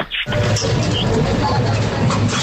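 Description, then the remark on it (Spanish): A recycling machine scans the barcode of a glass bottle: after a brief quiet moment, a loud, steady mechanical whir and rattle starts and continues, with a few faint high chirps on top. “Ese sería al pasar el vidrio por el código de barras”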